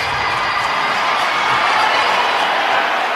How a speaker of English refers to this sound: Beckett Seneca with his fourth of the season evens this one up. Crowd fired up in a four-on-four play.